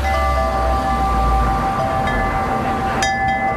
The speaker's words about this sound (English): There's a little yard here, almost like a peaceful garden with a few Buddhist statuettes. And that's why you probably can hear the wind chimes behind me.